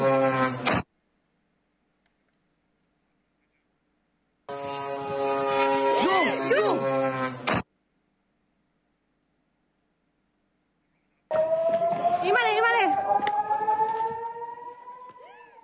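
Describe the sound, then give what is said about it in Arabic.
Warning sirens wail with rising and falling pitch over the steady, harmonic buzz of a Hezbollah drone in Beit Hillel, where the drone exploded, arriving in three loud bursts separated by stretches of silence. “نستمع إلى صوت صفارات الإنذار وصوت المسيرة.”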